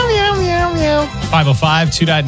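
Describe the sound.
A voice sings the Meow Mix song as a string of cat-like meows to a tune: one long, downward-gliding note, then a few shorter, punchy meow syllables, loud and with nothing else behind it.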